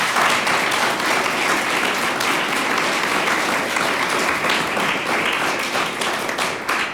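Steady applause from the live audience of the broadcast programme Intelekta, recorded outside a studio, fills the whole stretch, a dense wash of many hands clapping at an even, loud level with no voices standing out.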